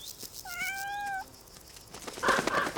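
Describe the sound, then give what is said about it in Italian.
A kitten gives a single high, thin meow lasting under a second, clear, followed by soft rustling and scuffling sounds. “Fino ad ora il gattino ha condotto una vita protetta.”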